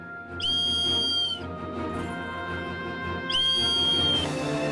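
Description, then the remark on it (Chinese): An emergency whistle sounds in two loud, shrill blasts of about a second each, separated by a short pause, cutting through a steady, noisy background hum. The whistle is blown to signal one's location to rescuers when trapped. “哨声在嘈杂声中也能传入人的耳膜，大约有3000分贝。”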